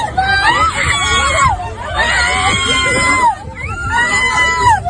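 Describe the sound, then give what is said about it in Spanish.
Loud, agitated shouting and high screaming voices overlap in a noisy scuffle as two wives fight, slapping each other with open hands, with crowd hubbub underneath; a few faint sharp hits may be slaps, buried in the yelling. “Pero guantazos con la mano abierta y gritos.”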